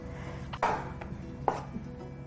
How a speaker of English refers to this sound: And then we'll start chopping up the mushrooms here.